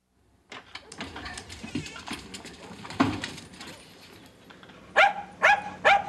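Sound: dog barking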